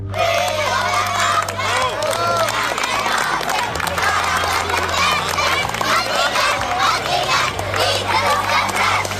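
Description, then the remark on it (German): Hundreds of children carrying coloured lanterns through Aarau's old town at the Bachfischen festival sing the traditional song "Fürio, der Bach brennt" loudly and continuously, their many overlapping voices forming a dense, lively chorus over a steady low droning tone that shifts pitch every couple of seconds. “Fürio, der Bach brennt, das singen morgen am Bachfischen die hunderte Kinder, die mit farbigen Laternen der Aarauer Altstadt ziehen.”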